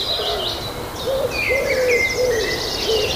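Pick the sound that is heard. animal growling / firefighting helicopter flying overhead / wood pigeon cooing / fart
wood pigeon cooing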